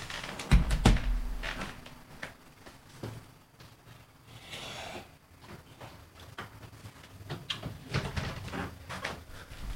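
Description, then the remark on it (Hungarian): A door is pushed shut with a heavy thud near the start during a Tilos Rádió broadcast, followed by scattered clicks, knocks and rustling handling sounds over a quiet background. “Mindjárt becsukom ajtónkat, hogy ne visszhangozzak.”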